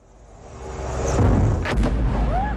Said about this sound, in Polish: Czarny dym nad rafinerią, odgłosy eksplozji i zamknięte lotniska. Tak wyglądał poranek w rosyjskiej stolicy po ukraińskim ataku.